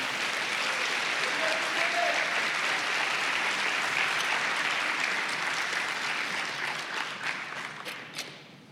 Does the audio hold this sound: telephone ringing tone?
no